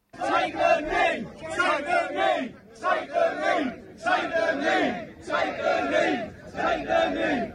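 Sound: protest crowd shouting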